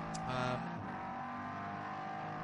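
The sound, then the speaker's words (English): The number 950 Schmickler Porsche Cayman Club Sport race car roars past, a brief louder burst early on before settling into a steady, buzzing drone of engine tones with no voices. “That car is the Schmickler Porsche Cayman Club Sport.”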